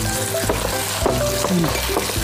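Steady, loud sizzling of eggs frying in a hot wok during Tianjin-style cooking, with garlic added and everything tossed and stirred, giving scraping and tossing sounds, continuous throughout and no voices.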